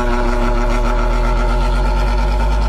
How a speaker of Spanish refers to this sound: Acá me lo había dejado listico para que la gente cuando se reportara y pidiera el ventilador, les prendiera el ventilador. Está haciendo calorcito, prendámoslo.